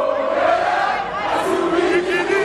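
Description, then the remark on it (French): A dense crowd of Congolese football supporters cheering, chanting and dancing in a circle in a corridor of the stadium in Atlanta at the final whistle after their team's 3-1 win over Uzbekistan, a steady, loud wall of voices with rising shouts, continuous throughout. “Au coup de sifflet final, certains couloirs du stade sont bloqués. Des supporters congolais qui dansent en cercle.”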